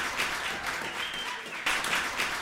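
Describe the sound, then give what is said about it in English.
Steady crowd applause played from a sound machine stuck in a feedback loop instead of a theme song, a dense wash of clapping that swells slightly partway through, then cuts off abruptly at the end. No voices. “Folks, we got into a strange feedback loop where this is only playing applause out of this one machine.”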